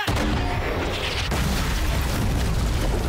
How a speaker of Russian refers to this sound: Огонь! Выстрел сорокопятки ликвидирует пулеметное гнездо.